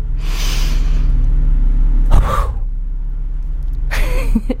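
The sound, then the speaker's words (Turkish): Forceful breaths, a deep pull of air followed by a quick, sharp burst of exhalation, repeated twice over a steady low rumble, with no talking, from a person doing a deep-breathing exercise while sitting upright just before sleep. “Son birkaç haftadır akşamları uyumadan hemen önce dik bir şekilde oturarak yani olursa 7 kez derin nefes alıp ama hızla veriyorum.”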